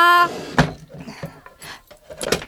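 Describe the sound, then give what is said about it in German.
A drawer slides along and shuts with a solid wooden thunk, followed by a few lighter scrapes and a second bump. A brief tonal sound rings out just before. “Lilly schließt die Schublade und flitzt in die Küche.”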